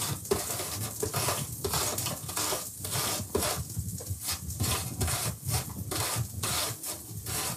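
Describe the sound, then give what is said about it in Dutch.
An apple is grated in a kitchen with steady back-and-forth rasping strokes, roughly two per second, fairly loud, with no talking. “En nu de appel. Ook raspen, hè. Een beetje voorzichtig zijn.”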